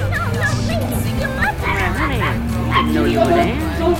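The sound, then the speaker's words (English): A small dog yips and barks repeatedly in quick, high-pitched bursts over a steady low hum with what sounds like voices in the background. “That dog's a menace to security.”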